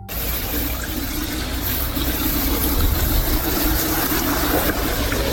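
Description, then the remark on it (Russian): Water runs steadily from a tap in a flood-affected area in Russia, a continuous, even rush, fairly loud, with a faint low rumble beneath and no voices. “Паводок медленно идет на спад, но вода в кранах лучше не стала.”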